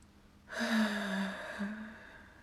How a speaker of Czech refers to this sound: Co to? Slyšel jsi, strakapoude? Jakoby to žalem zavzdychal strom?